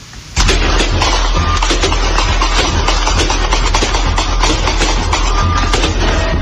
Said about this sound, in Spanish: Vamos a escuchar el testimonio de alguno de ellos y antes un registro de los disparos que se escucharon anoche.